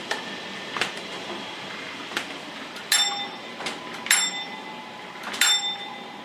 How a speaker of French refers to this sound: Alors là, vous allez entendre la sonnerie, parce qu'il va me dire que ça va passer vite.